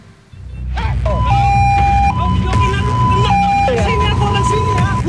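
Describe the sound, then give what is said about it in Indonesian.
A loud ambulance siren alternates between two tones in a steady hi-lo pattern over a heavy rumble of engines and traffic, with people's voices in the background, as a motorcyclist blocks the ambulance on Jalan Muhammad Nohel, Sukma Jaya, Depok, West Java, on a Sunday afternoon. “Rekaman video amatir memperlihatkan detik-detik pengadangan mobil ambulans di Jalan Muhammad Nohel, Sukma Jaya Depok, Jawa Barat pada Minggu sore.”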